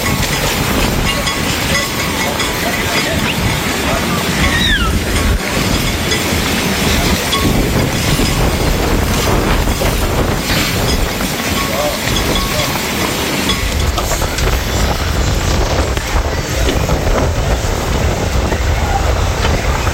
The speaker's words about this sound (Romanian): o furtună de nisip a alungat turiștii de pe plaja din Eforie Nord. Salvamarii spun că nisipul a fost ridicat în aer de vântul care a suflat cu viteză mare dinspre mare spre uscat. Județul Constanța era la acel moment sub cod galben de vijelii.